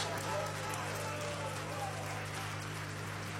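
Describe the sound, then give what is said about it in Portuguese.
An audience at the Igreja Deus é Amor church applauds to welcome the pastor, a steady, dense wash of clapping that holds an even level throughout, with a low electrical hum running underneath. “Recebamos o nosso pastor com as palmas de alegria.”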